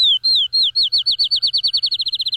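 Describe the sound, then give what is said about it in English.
A field sparrow sings alone, clear: a few slow, sweet whistled notes that speed up into a rapid accelerating trill, like a bouncing ball. “That's the field sparrow.”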